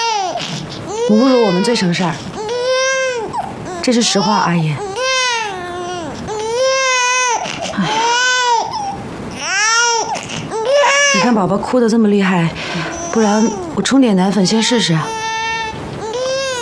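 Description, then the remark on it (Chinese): A hungry baby wails loudly and continuously, rising and falling in long, strained cries with brief gasping breaths between them, filling the whole stretch. “我知道你饿了啊，宝宝。”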